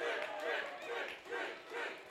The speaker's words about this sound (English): Yosefa pops it out of play right behind home plate, and the ball kicks off one of the panels protecting the press box. The cheers you hear are from the fan who just caught that souvenir off the ricochet.